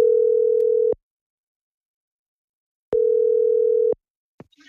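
Two loud, steady single-pitch ringback tones from an outgoing phone call placed by P4 radio to a prize winner, each lasting about a second with a long silent gap between them, followed by a faint click at the end.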